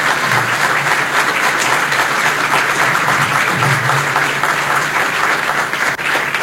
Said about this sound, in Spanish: Para ellos pido un aplauso y un agradecimiento enorme.